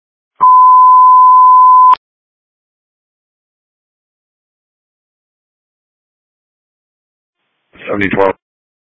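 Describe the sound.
A phone ringtone sounds as a single steady electronic tone lasting about a second and a half, clear and fairly loud, followed by long silence and a brief burst of voice at the end.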